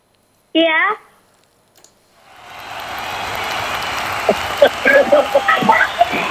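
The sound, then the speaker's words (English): A short high vocal exclamation, then after a pause a steady wash of crowd noise swells up and holds, dotted with sharper bursts like clapping and whoops as a crowd cheers a caller's correct guess in a guessing game. “can you hear the crowd? They are cheering for you.”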